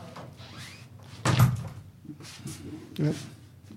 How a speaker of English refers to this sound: Can you open the door,